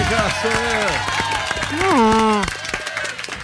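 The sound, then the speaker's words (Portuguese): Audience applause on a TV programme, a burst of scattered hand claps with loud voices whooping and cheering over it in rising and falling tones, swelling in the middle before easing off. “Bom, uma salva de palmas pra mim.”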